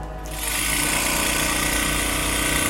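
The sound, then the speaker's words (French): A bead mill tissue lyser, shaking small beads inside very rapidly to grind tissue samples into powder for DNA extraction, starts up and runs with a loud, steady mechanical buzz and rattle and a harsh, constant vibration from just after the start to the end. “Donc, pour réduire en poudre les échantillons, on peut les mettre dans un tissue laser. Donc en fait, ça va agiter très rapidement avec des petites billes à l'intérieur et donc ça va permettre de déstructurer le tissu.”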